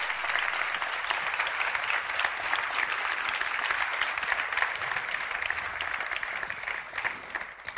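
Sustained applause from an audience, a dense steady wash of clapping hands that holds at an even, fairly loud level for several seconds without any voices.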